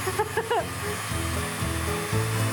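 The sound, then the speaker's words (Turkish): Steady, rasping hiss of sandpaper rubbing over a round carved wooden bead to remove knife marks, continuous for the whole stretch with a low humming undertone, while a voice briefly speaks over it near the start. “Şimdi zımpara yapacağız. Üzerinde bıçak izlerimiz kalmasın diye.”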